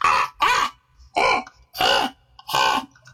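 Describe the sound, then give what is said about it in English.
A person imitates a crow with five harsh, raspy caws in a steady rhythm, each loud, separated by short pauses with no other talking. “The next one I like to do that I've been doing recently is the crow.”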